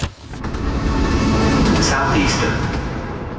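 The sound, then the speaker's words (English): A Southeastern train rumbles steadily along the rails, fairly loud, with a couple of brief high-pitched squeals rising over the continuous clatter. “Take the train with Southeastern.”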